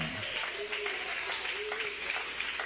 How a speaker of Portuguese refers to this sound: Bate palmas, dai glórias ao nome dele.